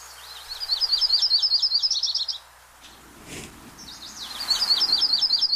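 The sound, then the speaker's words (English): A yellow-rumped warbler sings a bright, rapid trill of high notes, pauses briefly amid soft rustling, then repeats the song with another quick run of clear chirps. “There's your butterbutt warblers. Butterbutt, the fantastic other name for yellow-rumped warbler.”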